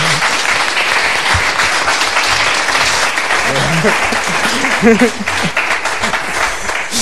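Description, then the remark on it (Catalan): A group of people applauds steadily for several seconds for Sigebert of Gembloux. A dense, even patter of clapping, with a few voices briefly rising over it midway. “Oh, un aplaudiment, per favor.”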